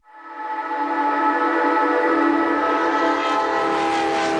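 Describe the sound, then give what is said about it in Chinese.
A train on a railway crossing a high plateau sounds a long, steady horn blast that swells in quickly and holds loud, with a low rumble of the moving train beneath it; no voices. “一条穿越高原的铁路，20年风雪不阻。”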